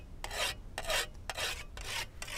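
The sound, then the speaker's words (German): A scythe blade is whetted in quick, steady strokes, about five bright rasping swipes in a regular rhythm, clear with no voices; the freshly whetted scythe is used for cutting invasive plants by hand instead of with a lawnmower. “Pigor setzt auf Handarbeit, Sichel und frisch gewetzte Sense.”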